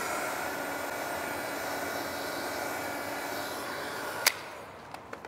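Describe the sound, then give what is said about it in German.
A hot air blower (Föhn) roars with a steady, broad whooshing hiss for about four seconds while drying a test surface for heritage conservators on a construction site by a 50-metre pool, then cuts off with a sharp click, leaving a few faint ticks in near quiet. “Das finden immer hier unsere Baustellenkollegen mit am lustigsten so, dass wir hier mit dem Föhn arbeiten.”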